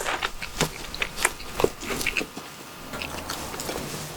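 Someone chews a large mouthful of bread, both cheeks stuffed full, with repeated soft, moist mastication sounds and small crunches in an uneven rhythm, fairly quiet and with no talking.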